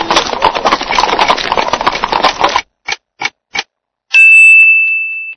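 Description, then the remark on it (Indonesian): Horse-drawn carriage clip-clopping steadily over a rumbling roll, then a few sharp knocks and a bright sustained chime-like tone that fades out. “Arobatun, kereta kuda.”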